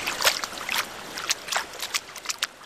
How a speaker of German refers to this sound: Ja, ich gehe mal rein ins Wasser, um mich einmal an das Wasser zu gewöhnen und dann werde ich auch schon mal einen ersten Sprung wagen.